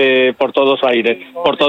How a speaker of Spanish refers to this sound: Perdón, es que estoy... Me están hablando desde el teléfono,